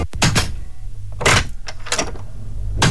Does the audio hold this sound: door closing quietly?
yes